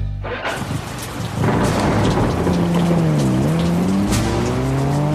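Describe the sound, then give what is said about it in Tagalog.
Heavy rain pours down steadily in a dense, hissing wash, joined after a moment by a thunder-like rumble, while a car passes and its tires squeal in a rising, falling whine. “Pagalan ng takbo kapag bumuhos na ang ulan.”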